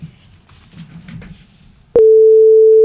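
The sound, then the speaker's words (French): After a couple of seconds of low, murmuring background noise, a sudden loud answering machine beep sounds, a single steady high-pitched tone that holds unbroken to the end, from a radio show's answering machine. “On a un répondeur à écouter, c'est maintenant.”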